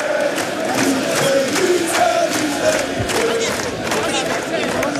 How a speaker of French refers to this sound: Des images incroyables avec des joueurs qui saluent évidemment la foule et les chants qui continuent évidemment d'être entonné par les milliers de supporters. On écoute.